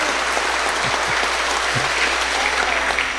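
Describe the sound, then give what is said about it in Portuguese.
A church audience claps steadily and densely throughout, welcoming new members into the Christian community, a sustained wash of applause at a moderate, even loudness with no voices rising above it. “Novos membros na comunidade cristã, acolhamos com a salva de palmas.”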